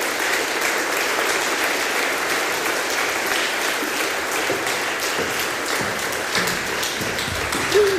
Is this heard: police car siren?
no